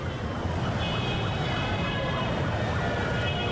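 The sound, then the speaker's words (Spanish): Steady city traffic rumble fills the scene while an emergency siren wails continuously above it, its rising and falling tone cutting through the dense, constant roar of cars. “El tráfico de la ciudad es inevitable.”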